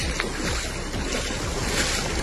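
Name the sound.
rushing floodwater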